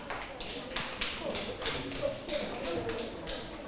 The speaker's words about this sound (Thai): ถ้าเห็นด้วยกับเพื่อนนะคะก็ปรบมือให้กับกลุ่ม4ด้วยค่ะ